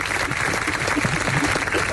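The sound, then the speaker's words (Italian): An audience applauds steadily for Carlito, a dense wash of clapping hands that stays loud and even for the whole two seconds, with no voices standing out. “Applausi per Carlito.”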